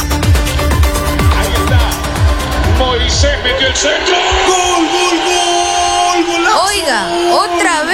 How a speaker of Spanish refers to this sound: Gritadera.